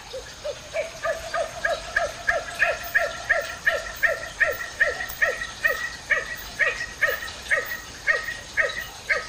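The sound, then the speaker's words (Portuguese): A nocturnal bird found in Brazil gives a steady series of short, bark-like calls, about two per second, repeated some twenty times at even volume, clear over a faint background hiss. “Já foi surpreendida ou surpreendido com esta outra voz que parece um latido?”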